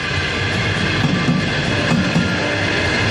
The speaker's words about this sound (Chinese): 但是铁路安全大于天，每当列车在我们身边呼啸而过，乘客看到我们黄马甲会挥手致意，这是我们最激动的时刻。